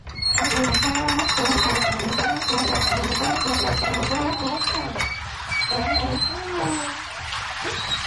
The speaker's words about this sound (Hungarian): Folyik le róla a víz, hallani a csobogását.